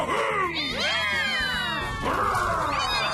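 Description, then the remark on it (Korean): Baby kittens meow in a steady overlapping chorus while being played with, several high, wavering mewls rising and falling, with no talking. “아기 고양이들이랑 놀아주더니.”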